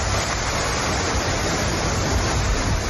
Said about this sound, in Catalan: Aquest que sentim és el riu Besòs, que ha superat el cabal registrat durant el temporal Glòria. L'Agència Catalana de l'Aigua ha emès un avís de risc hidrològic per superació del llindar de perill al riu Besòs al seu pas per Santa Coloma de Gramenet